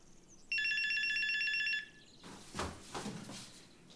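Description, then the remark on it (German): A mobile phone rings with a single loud, bright electronic tone lasting just over a second, followed by quieter rustling and handling noises with no one speaking. “Hast du das Handy noch?”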